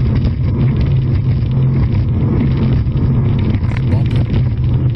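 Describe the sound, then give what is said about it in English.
A racing powerboat engine roars loudly and continuously as the driver works the throttle, a deep, steady drone with rushing wind and water noise mixed in throughout. “Whoa, what is he doing with that throttle? There you go. Now I think it's... Yeah, there were some boats that were all racing over there.”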